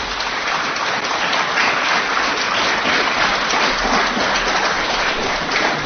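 A crowd applauds steadily, a dense, even wash of many hands clapping at constant loudness for several seconds, with no voices standing out.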